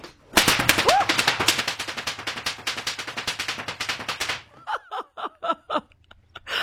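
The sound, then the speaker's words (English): A rapid, sharp volley of whip cracks by a five-time and current Australian whip-cracking champion, live in the ABC Gippsland radio studio, fires off for about four seconds in a dense, machine-gun-like rhythm, then slows into a handful of separate, spaced cracks. “She's 5-time Australian and current Australian whip-cracking champion.”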